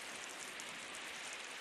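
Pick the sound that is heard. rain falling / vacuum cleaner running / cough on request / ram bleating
rain falling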